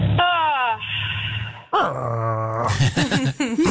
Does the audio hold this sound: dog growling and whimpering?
yes